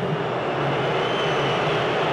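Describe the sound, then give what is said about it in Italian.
A big stadium crowd of 71,000 at Atlanta Stadium whistling during a VAR check on a penalty decision, a dense, steady wash of shrill whistles and roaring noise that holds at an even, fairly loud level throughout, with no voices speaking over it. “I fischi sentite in sottofondo che arrivano dai 71.000 dell'Atlanta Stadium.”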